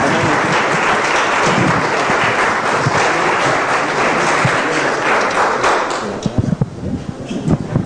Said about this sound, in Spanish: Denle una vez más un fuerte aplauso al Rey de Reyes, Señor de Señores.